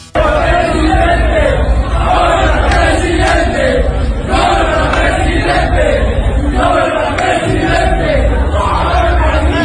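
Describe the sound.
At a stadium, a loud crowd chants "presidente" at Jalisco governor Pablo Lemus over and over while he uses the restroom, in a steady rhythmic cadence, many voices shouting together with constant roaring noise throughout.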